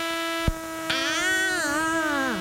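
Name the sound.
mosquito buzzing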